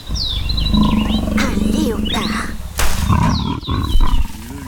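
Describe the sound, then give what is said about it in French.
A leopard's low, rumbling purr-growl comes from bushes where it lies in ambush near okapis. It rolls on steadily for several seconds, swelling louder near the end, while thin, high bird chirps flit above it. “On dirait plutôt une sorte de ronronnement qui provient de ces buissons.”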